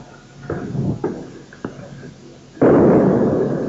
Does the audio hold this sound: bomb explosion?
yes